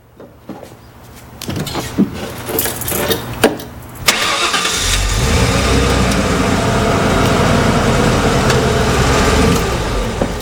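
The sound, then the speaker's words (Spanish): A few scattered clicks and clunks, then a pickup truck's engine cranks and catches with a sudden burst, settling into a steady, loud idling rumble that runs to the end. “Y arrancando.”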